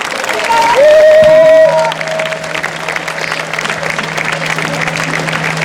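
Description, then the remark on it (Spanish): Steady applause from a crowd welcoming a Galician folk group at the Día de Extremadura folklore festival in Leganés fills the whole clip, a dense patter of clapping with a short, shrill whistle rising over it near the start and a low hum running underneath. “Y ahora sí, recibamos con un caluroso aplauso a este grupo gallego”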